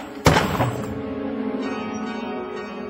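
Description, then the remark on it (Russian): An expensive clock, said to have belonged to a late mother, falls and breaks to pieces: one sharp, loud crash, then metallic chime tones ring on and slowly fade for a couple of seconds. “Дребезги. Разбить такую дорогую вещь.”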